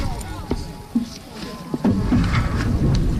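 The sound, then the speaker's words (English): A few distinct dragon boat paddle strokes by the two stroke paddlers splash and knock through water, spaced about half a second apart, then give way to a steadier wash of water with faint voices in the background. “Can the two strokes give us a few paddles?”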